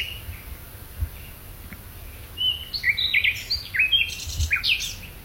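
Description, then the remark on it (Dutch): Birds sing on an evening in Lloret de Mar on the Iberian Peninsula, under a wide starry sky: a series of bright chirps and short warbling phrases clustering in the second half, with a few low thumps in the background. “Ook prachtige vogels te horen.”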